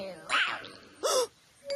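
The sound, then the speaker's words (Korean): Two short, rough animal growls, each lasting about a quarter second, separated by a brief pause. Both are loud, gruff and harmonically rich, with a somewhat dog-like snarl. “으르렁 소리가 들리면 계속 가세요.”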